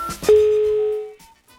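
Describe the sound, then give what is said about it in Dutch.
A single steady electronic telephone ringing tone sounds over a phone line, lasting just under a second, clear and fairly loud, then cutting off into quiet line hiss. “Ik hoor een telefoon die overgaat.”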